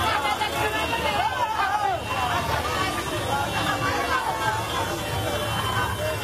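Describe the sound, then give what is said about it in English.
A dense, steady roar of crowd babble fills the streets of Vila, Vanuatu, during the rugby league World Cup parade, with overlapping voices and cheers layered over a low rumble of vehicle engines, loud and continuous throughout. “Yes, it might sound like a traffic jam. In many ways, it kind of was a traffic jam. That's right. The World Cup parade officially went down.”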